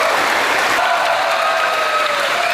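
A large audience in a theater in Taipei holding over a thousand people bursts into dense, sustained applause as game music is played at the Black Myth: Wukong global concert, loud and steady throughout, with scattered cheers and whistles rising faintly above the clapping.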